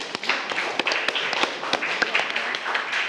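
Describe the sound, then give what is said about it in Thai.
A class of students clap together to applaud answers given in a lesson, a dense, sustained patter of many hands with sharp individual claps poking through, steady and fairly loud for about three seconds. “โอเคเอาปรบมือให้กับทุกคำตอบเลยครับนักเรียน”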